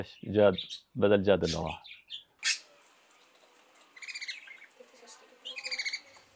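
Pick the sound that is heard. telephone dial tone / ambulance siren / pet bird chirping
pet bird chirping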